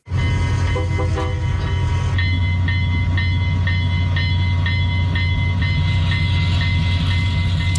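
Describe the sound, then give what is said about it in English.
A restored old train of the East End Scenic Rail Tours runs along the rails, a loud steady low rumble with a string of repeated high, ringing metallic tones riding over it throughout. “A farmer from North Battleford spent the past 13 years buying up old train equipment and restoring it, and now Gary Southgate is seeing that hard work pay off.”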